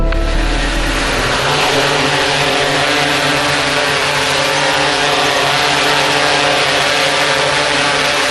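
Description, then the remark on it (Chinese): A steady drone buzz fills the whole stretch, its propellers whining with layered harmonic tones that hold constant and loud, as the drone flies up a residential building to its top floor checking for open windows; no voices over it. “您消停会儿，加北加北，带着无人机来一趟。”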